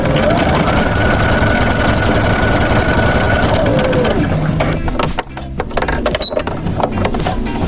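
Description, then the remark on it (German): A sewing machine in the textile lab of a FabLab maker space runs loud with a fast, steady mechanical clatter and a whining motor tone that drops in pitch, then the stitching becomes choppier and stops and starts near the end. “Zwischen 3D-Druckern und einer CNC-Fräse findet man auch Nähmaschinen und ein motorisiertes Spinnrad.”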